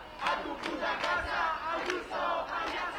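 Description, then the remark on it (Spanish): A crowd of protesters, many of them young students, chants in unison at the Puerta del Sol in Madrid, in front of the Madrid regional government headquarters, during an indefinite teachers' strike; a steady rhythmic call repeated with sharp syllable bursts every half second or so, loud and continuous with no separate speaking voice. “Aquí siguen todavía algunos manifestantes.”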